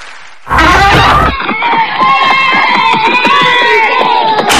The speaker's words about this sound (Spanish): Mamá, en la casa del vecino hay una fiesta. ¿Puedo ir?